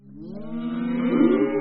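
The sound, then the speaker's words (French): A cow lets out one long, low moo at feeding time as the cows are being fed, swelling steadily louder toward the end before holding. No voices are present. “Allez, maintenant on va nourrir les vaches.”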